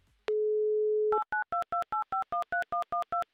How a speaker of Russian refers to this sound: Вот так вот быстро, оперативно, электронными пальцами набрали ваш номер телефона. Вот это соединение.